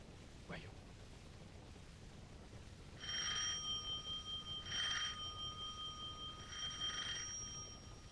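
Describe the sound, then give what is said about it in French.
A doorbell rings three times in evenly spaced bursts, each a bright sustained electric ring over a low background hum, fairly loud; the bell at number 3 rue Bergère. “Trois coups de sonnette, on ouvrira.”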